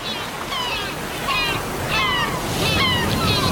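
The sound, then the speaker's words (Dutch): A steady, full wash of open-sea waves rolls on throughout, fairly loud, with faint higher calls or voices cutting through now and then, out at sea with no land in sight. “Van de diepe bossen naar de open zee.”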